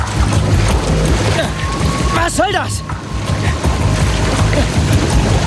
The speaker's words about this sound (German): Sie brachte das Wasser um ihn herum fast zum Kochen.